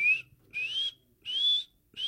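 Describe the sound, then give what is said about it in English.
A falconry bird named Warrior gives its feeding call: high, rising whistled cries repeated in a steady rhythm, about four in two seconds, each slightly harsh and sliding upward, with no voices present. “Benassi says you'd most likely hear a feeding call, which sounds something like...”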